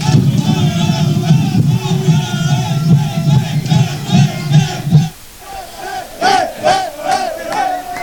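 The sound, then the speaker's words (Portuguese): FC Porto players cheer and shout loudly together in a dense, raucous roar as they give coach Francisco Farioli an ice bath, breaking off briefly before bursts of excited whoops and yells return. “Aqui está Francisco Farioli, o técnico do Futebol Clube Porto, a levar um banho, literalmente um banho de gelo no técnico da equipa do Futebol Clube Porto e com os jogadores da equipa azul e branca.”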